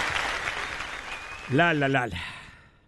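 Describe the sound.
Steady audience applause, a dense crackling patter of many hands, with a voice briefly calling out over it partway through before the clapping trails off.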